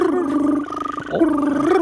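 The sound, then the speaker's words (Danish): A person imitates the trill of a European green toad, also called the whistling toad, with a sustained, mid-pitched voiced hum that briefly breaks into a rapid fluttering pulse midway. It lasts about two seconds. “Sådan her lyder den grønbrogede tusse.”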